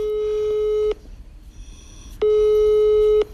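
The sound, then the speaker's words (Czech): A telephone ringback tone while phoning an actor: two long, steady electronic tones about a second each, separated by a short pause, clear over faint background hiss, with no one speaking. “No a proto mu teď hned zavolám.”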